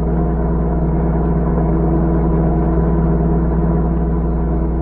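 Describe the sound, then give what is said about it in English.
A car engine hums steadily for the whole stretch, a low, even drone with a faint rough sputter running through it and no talking over it. The car's motor is not running well as it is driven toward the border, and the car cannot go faster than 40 miles an hour. “Well, the motor is not running well.”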